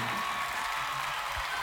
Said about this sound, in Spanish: El aplauso fuerte